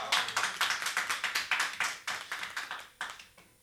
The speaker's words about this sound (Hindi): एक बार ताली बजाइए